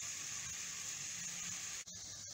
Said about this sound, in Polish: Naleśnik smaży się, naleśnik się smaży, super się fajnie smaży. Smaży, smaży, smaży się. Naleśnik się smaży, smaży. Naleśnik się smaży fajnie. Fajnie na patelni się smaży. La, la, la, la, la, la. Naleśnik się smaży.